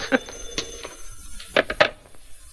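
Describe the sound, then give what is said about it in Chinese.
A telephone bell rings in short, bright bursts, several rings close together at moderate volume against a faint room background. “哎，电话打到这儿。”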